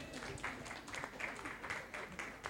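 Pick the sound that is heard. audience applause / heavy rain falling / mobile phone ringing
audience applause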